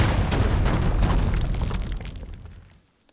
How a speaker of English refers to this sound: What if we just say the station's name and then you hear some explosions like psh, psh, psh.